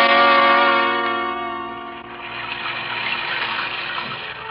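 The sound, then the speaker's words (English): Heavy rain beats down on a low skylight over a small dressing room in a steady, dense hiss, rising out of a sustained ringing chord that fades over the first couple of seconds. No voices are heard. “It was raining, beating down on the low skylight like a fury.”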